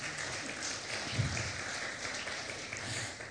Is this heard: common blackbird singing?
no